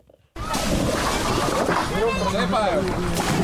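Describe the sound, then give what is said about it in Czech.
A busy river scene in Czechia on an extremely hot day, with hundreds of people on boats, rafts and canoes and many swimming: water sloshing and splashing amid many overlapping voices chattering and calling out, starting abruptly after a brief quiet moment and staying loud throughout. “Jsou tady stovky lidí na lodích, ale hodně se jich přijelo také vykoupat.”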